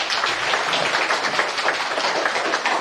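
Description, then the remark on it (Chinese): Steady audience applause at a public lecture in a museum, welcoming Professor Zhu Yizhang to the stage: a dense wash of many hands clapping at an even, sustained level for a few seconds with no voices over it. “掌声有请朱一章教授登台。”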